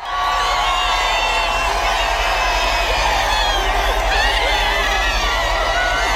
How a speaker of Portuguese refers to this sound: Enquanto o Papa era aclamado pelos fiéis